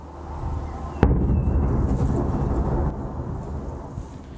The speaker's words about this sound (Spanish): Videos mostraron fuertes explosiones en el cielo y también a nivel de calle, mientras las defensas ucranianas intentaban responder al ataque.